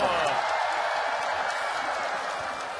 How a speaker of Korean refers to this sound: 모두 박수.